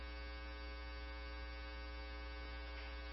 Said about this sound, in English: It's your 10-minute timer.